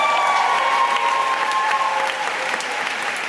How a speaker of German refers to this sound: Der Titel ihres Romans wird von dem Jubel der Anwesenden verschluckt.